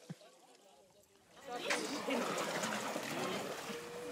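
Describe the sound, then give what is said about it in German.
Dogs splash through pool water: after a quiet second, a steady, fairly loud wash of splashing and churning water rises up and keeps going. “man ist es gewohnt, im Schwimmbad nass zu werden”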